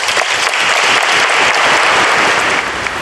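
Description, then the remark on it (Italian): A large audience applauds steadily, dense clapping filling a reverberant space at a loud, even level for the whole stretch, with no voices standing out, marking the end of Pope Leo's homily in Pavia, Italy. “Dunque, l'applauso segna la conclusione dell'omelia di Papa Leone.”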